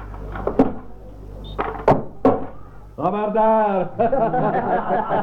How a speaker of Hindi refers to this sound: तो सुनो मैं दरवाजा खोलता हूँ।